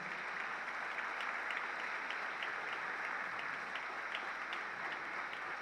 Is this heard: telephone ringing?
no